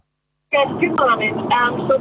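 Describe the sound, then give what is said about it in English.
After a half-second of silence, a caller's muffled, tinny voice comes through a phone speaker, steady, over a constant low rumble of the caller's car in motion. “I can't hear what you're saying there. I think you're in the car.”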